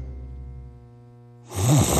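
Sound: snoring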